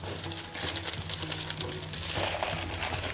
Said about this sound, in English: I'm going to roll my pastry between two sheets of baking paper. Using baking paper to roll out your pastry means you don't have to use any flour. Less mess, but it also makes for a buttery pastry. Peel off the paper.